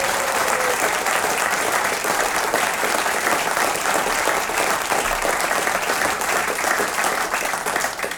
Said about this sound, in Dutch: Dus graag een groot applaus voor Alice Broeks tegen Leon Brillaar.